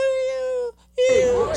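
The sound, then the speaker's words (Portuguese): A man, mauled by his own pit bull and dragging himself on all fours as police open the door, whimpers in pain: two drawn-out, high, thin wails, almost puppy-like, separated by a short silence, the second rougher and strained with breathy noise. “Escuta como ele grita. Parece um cachorrinho miando.”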